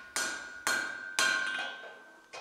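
hammer striking metal

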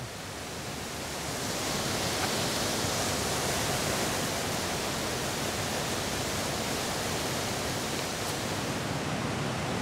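rushing water

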